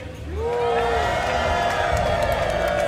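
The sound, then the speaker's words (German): A large crowd on the Rathausplatz (town hall square) cheers and shouts continuously, a loud, dense wash of many voices with rising whoops and yells layered over a constant roar. “Und können wir mal eben vom Rathausplatz hören, wie voll der schon ist?”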